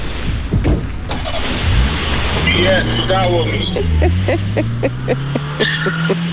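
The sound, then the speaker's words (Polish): A car engine winds down as the vehicle pulls up and slows to a stop for someone asking for a ride to Kazimierz Dolny, then settles into a steady idle, with indistinct voices faintly underneath. “Ja myślałem, że już pojedzie dalej. Chyba przekonałeś tego kierowcę jednak tym, że się podzielicie tym voucherem.”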